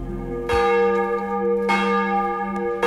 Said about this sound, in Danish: Klokkerne ringer til morgenandagt i Vor Frue Kirke, Domkirken i København.